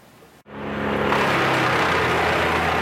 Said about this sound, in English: The sound of wood chippers fills the air just east of Rocky Mountain House. Machines destroying uprooted trees on this property just outside of town after a severe storm moved through the area Saturday evening.